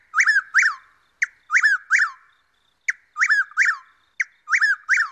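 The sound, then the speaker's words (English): A chuck-will's-widow calls four times in steady succession, each call a sharp opening note followed by two loud, rolling whistled phrases, clear with no other sounds. “Chuckwill's widows were southern birds to John James Audubon, nesting no further north than Virginia in the 19th century.”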